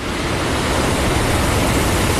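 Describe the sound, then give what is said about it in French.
A steady, dense wash of surf noise from Mediterranean waves at Collioure fills the whole moment, loud, with no distinct single crash standing out and no voices present. “Le bruit des vagues, le soleil.”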